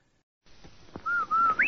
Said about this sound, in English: did you hear that whistle?